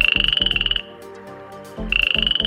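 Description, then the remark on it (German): Male frogs croak loudly at a pond on a summer evening in rapid pulsing bursts, a busy chorus with a high trilling tone, pausing briefly midway before the throbbing calls start up again, with no voices present. “Da sind die Froschmännchen ganz schön laut am Quaken.”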